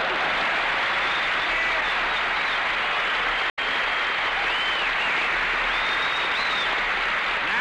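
An audience at Fitzsimmons breaks into loud, sustained applause, a dense wash of many hands clapping for several seconds, briefly cut off by a sharp dropout midway before the clapping resumes.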